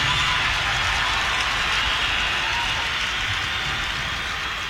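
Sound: audience applause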